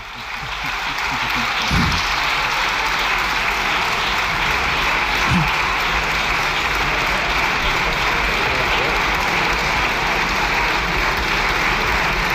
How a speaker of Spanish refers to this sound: Bueno, con el músculo ejercitado, con la visita del Papa, gracias, están ahora al juego de ver quién aplaude más tiempo.